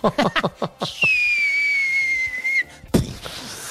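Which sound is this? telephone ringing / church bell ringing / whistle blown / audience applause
whistle blown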